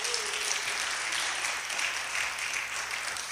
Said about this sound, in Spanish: Dele un aplauso al Señor en esta mañana. Aleluya.